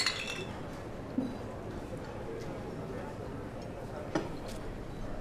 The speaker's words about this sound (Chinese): 对啊，来。啊，碰一个，来干。